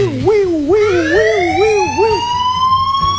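An earthquake warning app alarm wails in a wavering, siren-like pattern of rising and falling tones, then settles into one long, steadily climbing electronic tone, loud and continuous.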